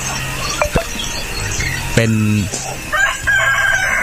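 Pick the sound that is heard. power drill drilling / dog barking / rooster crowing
rooster crowing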